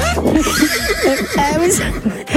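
horse neighing

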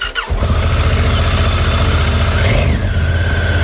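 motorcycle engine idling

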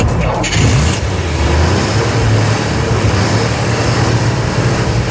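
car engine running

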